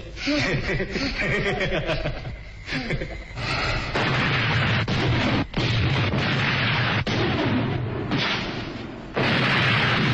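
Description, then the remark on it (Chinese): Brief laughter and voices give way to a barrage of loud battlefield explosions, heavy booming blasts striking every second or two and rumbling continuously. “这无情的爆炸声打断了靖开来甜蜜而短暂的回忆”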